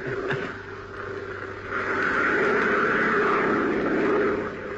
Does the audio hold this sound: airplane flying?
yes